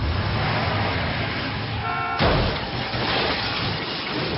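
Loud, dense noise from a film car-chase scene in Mexico, with roaring engines and traffic, a brief honking horn near the middle, then a sudden crashing burst as the din continues.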